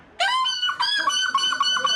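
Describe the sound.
The winner of the European seagull-cry championship final in La Panne, near the border not far from Dunkirk, imitates a seagull cry with loud, shrill, nasal wails that rise and then break into a series of quick, repeated squawking calls.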